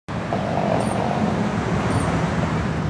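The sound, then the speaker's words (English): Steady traffic rumble and tyre hiss from cars with their lights on passing on wet tarmac under neon signs, a continuous, fairly loud wash of road noise with no distinct individual pass-bys and no voices. “Neon signs reflected on wet tarmac. Cars passing by with lights like eyes.”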